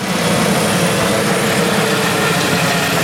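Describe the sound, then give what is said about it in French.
A rescue helicopter drones steadily overhead during a search and rescue operation in the mountains at Sixt-Fer-à-Cheval, France, after a canyoning accident, its loud, continuous engine and rotor roar filling the whole stretch without letting up. No voices are heard. “Hélicoptères, drones, équipes spécialisées, plan communal de sauvegarde activé à Sixte-Fer-à-Cheval, en réponse au drame survenu hier vers 15h15 dans le canyon de la Vaujale.”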